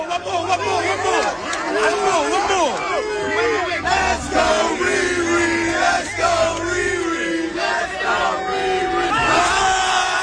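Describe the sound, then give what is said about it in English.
A dense outdoor crowd on a New York street cheers and shouts around people shooting hoops at a hoop bus outside a radio station, with overlapping yells, whoops and excited voices rising and falling continuously throughout, loud and chaotic with no single voice standing out. “The hoop bus came to the radio station and they were just shooting hoops with a crowd of people around them.”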